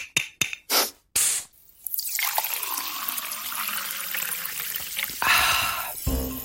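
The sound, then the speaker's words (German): Several short hissing bursts, like a carbonated bottle being opened, lead into a steady pour of cold sparkling water with a continuous fizzing, crackling hiss. No one speaks. “Es gibt ja nichts Erfrischenderes als kaltes Sprudelwasser, wenn man so richtig Durst hat.”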